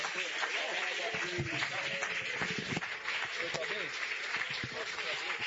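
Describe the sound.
A church audience claps steadily and loudly for several seconds to welcome their pastor at a holy communion service, a dense wash of many hands with scattered sharper claps, while voices carry on over and beneath the applause.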